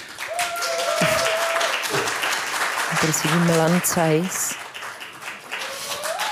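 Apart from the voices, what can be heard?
audience applause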